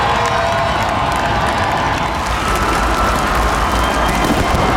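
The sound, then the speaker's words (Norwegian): A large crowd of tens of thousands on Slottsplassen cheers and applauds the national team's World Championship heroes in a dense, steady roar, with scattered shouts and whoops rising above continuous clapping for the whole stretch. “Gående samlet ut på Slottsplassen til jublende applaus og garden oppstilt, fikk VM-heltene endelig møte folket som har heiet dem frem.”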